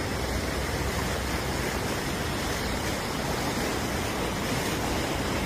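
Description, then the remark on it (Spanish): Floodwater rushes steadily through a street on the Balboa Peninsula in Newport Beach, on the southern California coast, in the morning, with at least 10 blocks underwater; a dense, continuous wash of churning water that stays loud and unbroken throughout, with no voices. “Las impactantes imágenes muestran calles completamente inundadas, vehículos avanzando con dificultad y hasta ciclistas intentando abrirse paso en medio de la corriente.”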